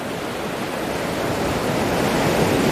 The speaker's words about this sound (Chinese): 虎鲸学徒需要感受海浪的力量，靠海浪推动自己靠近目标